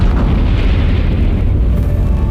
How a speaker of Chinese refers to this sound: 当全世界还在对中国的第一颗原子弹爆炸震惊之余，1967年，中国又成功爆炸了第一颗氢弹。 5、4、3、2、1，起爆！